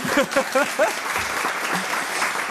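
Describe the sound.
Steady applause from the studio audience of a TV show, welcoming a panelist, a dense wash of many hands clapping at a fairly even level, with a voice briefly speaking over it at the start.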